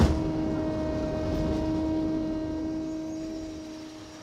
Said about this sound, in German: Und dieses ständig surrende Geräusch und einfach Pumpengeräusche von der Hydraulik kannst du auch nicht vermeiden.